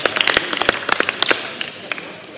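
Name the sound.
applause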